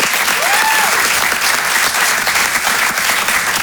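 A crowd applauds loudly and steadily, dense clapping filling the whole stretch without a break, with a brief high whistle-like tone rising and falling near the start.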